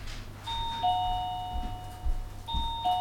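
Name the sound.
doorbell ringing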